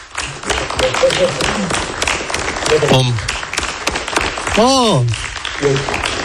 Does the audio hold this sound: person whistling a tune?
no